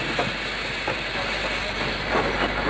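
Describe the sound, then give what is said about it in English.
A train rumbles steadily as it grinds to a stop at a station, its broad, hissing roar punctuated by a few metallic clanks and squeals as it slows, with no voices present. “As the train ground to a stop at the station, the young man reached for his suitcase, waited patiently for his turn to leave, and then stepped down to the platform.”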